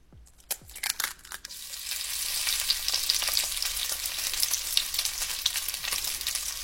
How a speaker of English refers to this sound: You were actually correct. The answer is indeed frying eggs.